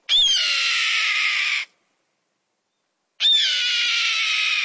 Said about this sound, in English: Yup, that's the cry of a red-tailed hawk soaring overhead.